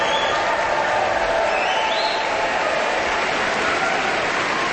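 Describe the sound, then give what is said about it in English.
Sustained, dense applause from a large audience at an Aspen Festival Orchestra concert of the Aspen Music Festival, after a performance of Beethoven's Ninth Symphony as the orchestra stands and soloists bow; a steady wash of clapping at even loudness throughout with no pauses and no voices standing out. “The soloists take another bow, and now the full orchestra stands, receiving the appreciation of the audience.”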